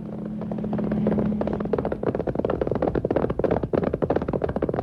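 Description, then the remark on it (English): A low droning engine hum gives way to rapid galloping horse hooves as Ranger Bill rides on horseback: a loud, dense clatter of hoofbeats that keeps up steadily until the end, with no one talking. “On horseback.”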